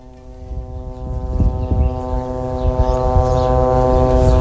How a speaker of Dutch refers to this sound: Als we met ons team opnames aan het maken zijn in de zuidelijke stad Tyrus, waar aan de baai flink wordt geschoten, krijgen we weer te maken met diezelfde MK. De drone die intimiderend en laag boven de grond boven ons hangt.